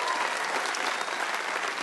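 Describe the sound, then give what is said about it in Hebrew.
An audience claps steadily, a dense wash of many hands applauding at even loudness throughout, with no speech over it. “אל תמחו כפיים, הוא תימני, אוקיי? אין מה לשמוח.”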